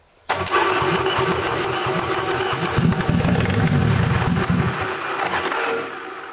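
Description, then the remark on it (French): A starter motor, set turning by connecting the last plug, cranks an engine with a loud, steady whirring drone and rapid rhythmic chugging pulses, starting abruptly and running for several seconds before easing off slightly at the end; no one speaks. “Et après, on va faire tourner le démarreur en connectant la dernière fiche.”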